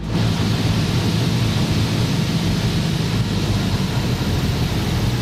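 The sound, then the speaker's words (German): Loud, steady engine drone and rushing roar fill a small airplane cabin during the landing approach to the German island of Juist, a constant low rumble that never lets up, with no voices heard. “Ja, schaffe es auf eine deutsche Insel deiner Wahl, aber nimm dafür das Flugzeug.”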